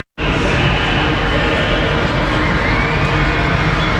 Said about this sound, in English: A's fans in the crowd, a standing ovation for Ginn.